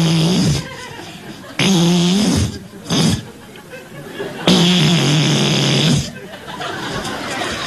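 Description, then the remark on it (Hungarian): A voice imitates a large beetle buzzing as it flies about inside a flat: loud, rough, droning bursts that rise and fall in pitch, with short breaks between, then a quieter, steadier hum at the end. “És hát ő az, aki így repül be. Illetve ki, mert már benn van.”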